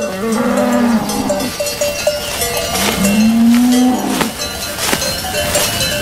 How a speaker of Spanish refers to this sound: Durante generaciones, los agricultores han hecho pequeños claros en los bosques para crear prados donde el ganado pueda pastar. Solo ahora hace suficiente calor para que las vacas suban a estos altos pastos.